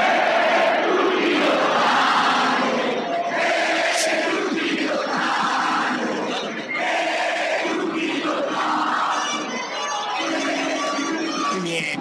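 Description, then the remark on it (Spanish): A large stadium crowd at a Mexico national team match chants loudly in unison the name of Mexican footballer Chucky Lozano, repeating a short rhythmic phrase over and over with a steady, roaring wall of voices throughout. “La gente empezó a corear el nombre de un gran jugador mexicano”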